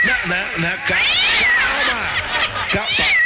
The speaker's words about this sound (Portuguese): meu gatinho lindo do papai.